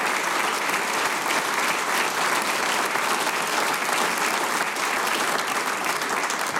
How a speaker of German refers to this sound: Ihr kriegt einen großen Applaus, weil das, was ihr macht, ist ganz, ganz super.